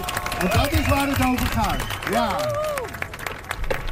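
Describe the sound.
A crowd applauds at the reopening of the new skate park in Alphen aan den Rijn on a hot afternoon, with steady, dense clapping that runs throughout, while voices call out and talk loudly over the top.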